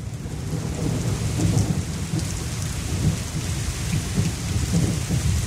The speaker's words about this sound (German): Ich finde, man muss das auch mal einen Moment stehen lassen, denn so viel haben wir ja derzeit nicht davon. Der Regen, das tut gut. Oder so ein warmer Sommerregen. Und wir alle wissen, wie schön der riecht.